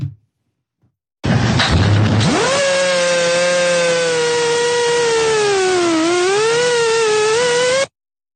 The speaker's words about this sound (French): On évoquait les drones. Les drones russes, ils volent. Les drones russes, ils volent jusqu'en Ukraine. Et il y a des attaques comme celle-ci.